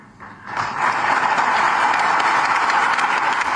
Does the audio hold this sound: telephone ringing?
no